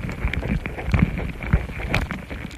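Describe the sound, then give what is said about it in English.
Ant mandibles chewing on a contact microphone laid next to their nest: irregular popping clicks and snaps, some louder than others, scattered over a steady rustling, crackly background with no talking. “That's what these louder popping noises are. Ant mandibles, chewing on a microphone.”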